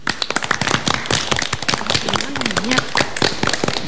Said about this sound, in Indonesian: Terima kasih, tepuk tangan buat adik-adik semuanya.